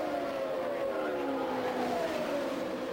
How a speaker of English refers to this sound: the Gould Charge, car 12 leading car number 9 at the Indianapolis Motor Speedway. A.J. Foyt in third, Danny Ongais in fourth, Tom Sneva in fifth position.